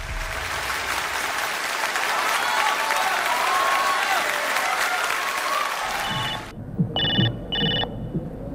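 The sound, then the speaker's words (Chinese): Loud audience applause fills most of the stretch, then cuts off as a telephone bell rings in two short, bright bursts, clear against a quiet background, during the comedy sketch "Officer Daughter, Soldier Father" performed by Guo Da and Jing Fengling. “哎呀，王参谋啊，你怎么才来电话呀？”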